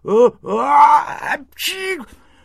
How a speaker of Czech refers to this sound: Kýchnul Camfourek tak hromově, že to porazilo květináče.